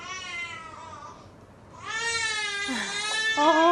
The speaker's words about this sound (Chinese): 半夜里宝宝哭了